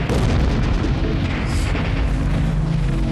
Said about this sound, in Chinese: 哪打枪？哎，这怎么还有炮声呢？